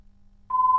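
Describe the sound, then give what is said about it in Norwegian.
After a half-second of near silence, a steady electronic telephone ringing tone starts and holds at an even pitch and volume until the end, fairly loud and with no voices. “Da ringer det”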